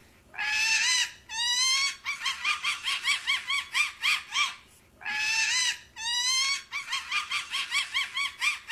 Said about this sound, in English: And a peregrine falcon, the fastest animal in the world.